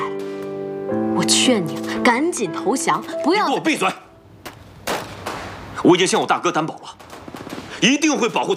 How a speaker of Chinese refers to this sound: 现在人民解放军已经在过来的路上了，你听听外面的枪声，毛宝他们已经快打过来了。